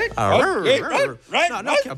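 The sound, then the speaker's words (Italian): A human voice imitates a chattering dog, fairly loud, with whiny, yappy, swooping vocal bursts in two quick runs separated by a short pause. “un cane che chiacchiera.”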